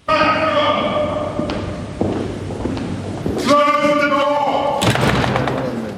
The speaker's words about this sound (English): The whole curious process kicks off with a 350-year-old tradition in which the King's messenger, known as the Black Rod, has the door of Parliament slammed in his face and has to knock to be let in.